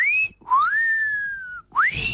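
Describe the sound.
A person whistles the Marseillaise, imitating a myna bird: three clear, sliding whistled phrases with brief gaps between them, loud and alone without any talking.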